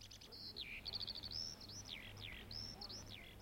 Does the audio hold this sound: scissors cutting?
no